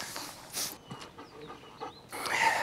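A dog pants in quick, breathy bursts, with some sniffing and faint snorting mixed in, and no one speaking.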